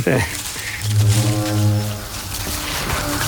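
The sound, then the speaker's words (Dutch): A single low, steady horn blast with a buzzy, harmonic tone holds for over a second, then fades into a broad outdoor hiss. “Ja, weer die toeter.”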